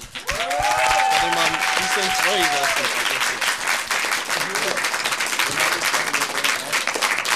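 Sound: huge applause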